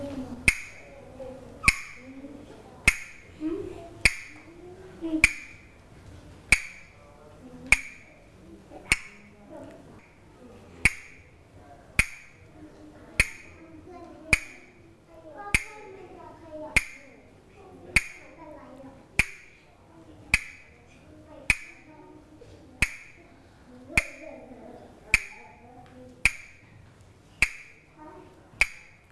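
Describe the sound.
A steady rhythm of sharp, bright taps repeats at an even pace about once per second for the whole stretch, with soft talking and movement murmuring underneath.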